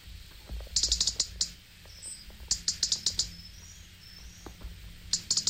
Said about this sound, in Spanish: Y este es el reclamo del petirrojo.